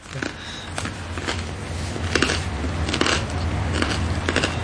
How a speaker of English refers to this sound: Oh, wow, the bread is crunchy. It doesn't taste like tofu, for sure.